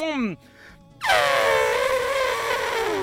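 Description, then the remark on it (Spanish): A person imitates an elephant trumpeting with a loud, sustained, brassy blare that starts high and slides downward, lasting about two seconds, preceded by a brief vocal sweep and a short pause. “Y ahora uno de elefante. ¿Cómo hacen los elefantes”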